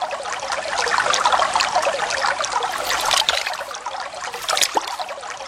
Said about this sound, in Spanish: la bella Coropuna se encontraba en el río lavándose la cara